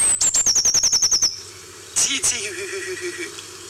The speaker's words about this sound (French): Alors on va écouter la mésange bleue, le bruit qu'elle fait. Elle lançait déjà quelques petites strophes vers Noël, mais aujourd'hui, elle est toute guillerette.